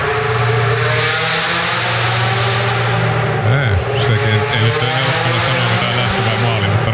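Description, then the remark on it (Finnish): A loud rally car engine roars continuously, its tone rising and then dipping sharply near the middle as it passes by on its way to the start, followed by steady high revving. “Lähdetään siitä ajatuksesta, mutta lähtöön se auto joka tapauksessa meni.”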